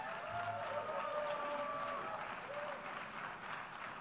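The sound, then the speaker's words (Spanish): The few attendees at the United Nations General Assembly applaud a speech steadily for about four seconds, a dense, even patter of clapping with a faint murmur of voices mixed in underneath. “Aplaudido por los pocos asistentes en esa Asamblea General de Naciones Unidas.”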